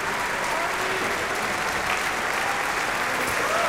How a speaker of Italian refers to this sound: Ecco intanto gli applausi per Francesco Ivan Ciampa però, e per l'orchestra.